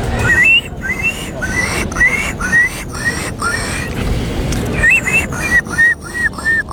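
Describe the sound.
A contestant in a Polish bird-imitation contest imitates a gull, giving repeated squealing, yelping calls in two quick bursts separated by a short pause, loud over a steady background rumble.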